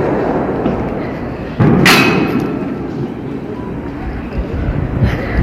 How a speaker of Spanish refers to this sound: Bueno, van lanzando también piedras, cachorros de dinamita hacia la policía que se encuentra en la calle Socavalla y Mercado.